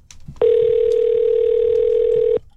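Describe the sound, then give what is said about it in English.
A loud, steady telephone tone sounds alone for about two seconds as a phone call is placed, then cuts off cleanly, with only faint low background noise before and after. “I'm going to see if I can get her on the phone here.”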